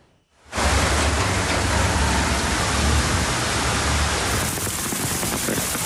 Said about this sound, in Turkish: Ankara'nın çevre ilçelerinde dolu, şehir merkezinde ise sağanak etkili oldu. Başkentte öğleden sonra başlayan yağış hayatı felç etti.